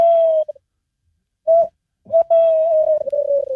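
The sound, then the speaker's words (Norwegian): A person imitates a tawny owl's hoot: a long steady hoo, a brief pause and short note, then a drawn-out wavering hoot, clear with no talking. “Og så har du kattugla som kan si noe sånn som dette her da.”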